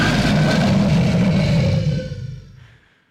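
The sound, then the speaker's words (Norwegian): A loud, deep, rough roar holds steady for about two seconds, then fades away into silence. No talking accompanies it. “Nå kommer det også et brøl for Ida.”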